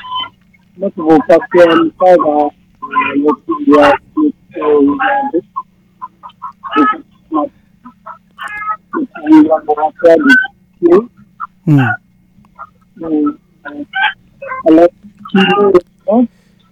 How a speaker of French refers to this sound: On entend beaucoup les poules chanter, on entend beaucoup le coq, mais on t'entend pas.